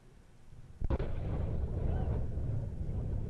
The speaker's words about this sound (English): Blue Origin, the space company founded by former Amazon CEO Jeff Bezos, says it is investigating why its rocket exploded on a launch pad in Florida during a routine engine test.